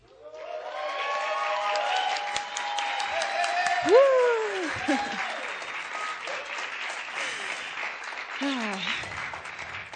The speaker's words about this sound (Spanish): Y con este aplauso que también se está grabando en vivo, les damos la bienvenida a la Sala Julián Carrillo de Radio Universidad 96.1 de FM.